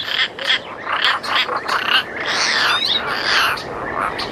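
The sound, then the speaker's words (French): Harsh, raspy calls from a European roller, a rapid series of loud grating croaks that run together, unaccompanied by voices, with a rough quality like a jay's or magpie's call. “il a un cri assez puissant, pas très très harmonieux d'ailleurs, qui ressemble un peu au cri du geai ou de la pie”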